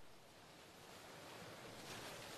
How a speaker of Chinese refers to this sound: 这首歌也是用雨声开场吗？不是不是，是海浪的声音，海浪打在沙滩上的声音，也要加上一个尤克里里，听到了吗？像 ASMR 一样按摩着耳朵。